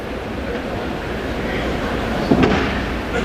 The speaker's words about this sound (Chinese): 现场突然有个声音。 对，突然有观众打了个喷嚏啊。